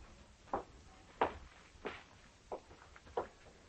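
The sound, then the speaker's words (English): Five muffled footsteps thud at a steady walking pace on a floor upstairs in a house, fairly quiet, with no voices over them. “I heard footsteps upstairs.”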